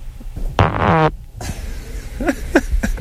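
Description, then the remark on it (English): A short, loud, buzzy fart lasts about half a second, its pitch sliding downward, followed by a pause and then faint voices talking in the background. “I got a good fart coming on now.”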